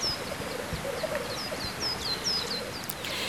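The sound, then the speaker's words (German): A black grouse calls from a treetop with a steady, low bubbling coo, fairly quiet, while a series of short, high, swooping chirps repeats above it. No one speaks. “Ja, und dazu muss man ganz still sein und ab und zu auch die Luft anhalten, dann hört man den Spielhahn vielleicht.”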